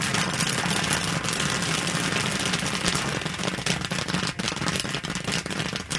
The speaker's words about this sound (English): Firing up the kettle at a festival in Chagrin Falls. Oil, then corn, and then sugar. And that's all it is.